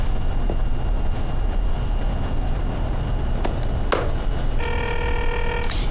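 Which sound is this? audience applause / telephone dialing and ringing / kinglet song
telephone dialing and ringing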